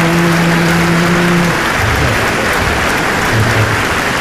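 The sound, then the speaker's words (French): A crowd applauds steadily, a dense wash of many hands clapping at once, loud and sustained for a few seconds with a faint low tone underneath at the start. “C'est elle qu'il faut applaudir.”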